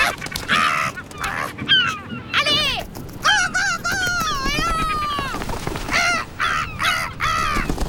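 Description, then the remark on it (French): Harsh, wailing calls of a gull repeat loudly, with rising and falling cries overlapping in quick succession throughout, some drawn-out and others short and clipped. “On peut entendre le goéland pleurer tout au long de la journée.”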